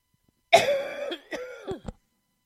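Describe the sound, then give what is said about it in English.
A single person with a morning cough coughs, one long harsh, throaty cough followed by two or three shorter, sharper coughs in quick succession, with no talking around them. “I do have a bit of a cough this morning.”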